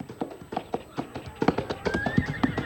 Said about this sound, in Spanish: Ponen un caballo y vamos, antes de que la noche se acerque más.